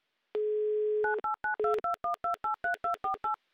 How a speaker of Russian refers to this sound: Набран номер телефона Дмитрия, звоним в Екатеринбург. В Екатеринбурге плюс 2 часа от Москвы, 14:17. Дожидаемся гудков.